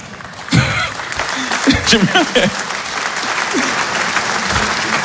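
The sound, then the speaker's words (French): An audience applauds steadily for the whole stretch, a dense, even wash of clapping, with a few voices briefly rising over it early on. “Il y a des gens qui applaudissent comme s'ils militaient.”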